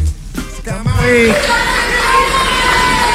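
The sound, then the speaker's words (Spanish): A large crowd erupts into loud, sustained applause mixed with booing and jeers as politician Kast is received, swelling after a brief voice at the start and continuing as a dense roar. “Son aplausos, ¿ah? Aplauso y pifia.”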